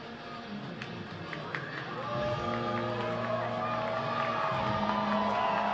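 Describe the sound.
A large baseball stadium crowd roars and cheers in response to a scoreboard prompt to make some noise, the noise swelling noticeably after a couple of seconds and holding steady as a broad, sustained wash of voices.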